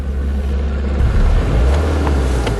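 Police patrol car engines rumble in a steady low drone as the cars drive off over grass, leaving tracks, after a police raid on an antifascist camp in Carinthia; no one speaks.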